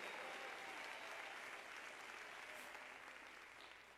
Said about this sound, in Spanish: Denle un aplauso de alabanza al Dios verdadero.